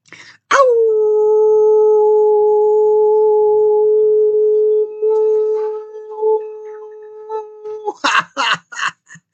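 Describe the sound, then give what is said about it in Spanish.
A person imitates a wolf howl, holding one long, steady, fairly loud mid-pitched note for about seven seconds, then breaks into a few short breathy yips and bursts. “Entonces, yo a ustedes, mis queridos y amadas desvelados, les envío todo mi amor, toda la energía que tengo en mi corazón y, obviamente, con el consabido aullido.”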